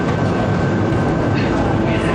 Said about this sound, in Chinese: 哦，我在地铁里，您说。